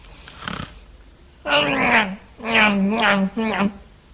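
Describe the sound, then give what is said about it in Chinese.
A man's voice imitates a simpleton character snoring: three loud, drawn-out, rasping snores with a wavering, almost singsong pitch, preceded by a faint breathy sniff. “这傻子打呼噜呢。”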